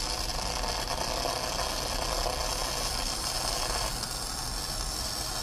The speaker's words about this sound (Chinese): 而且我觉得这个声音模拟的特别真，就感觉我好像在这个路边看到有很多的地铁呀，还有就是这种建高楼的时候现场的一些焊接的场景，一模一样。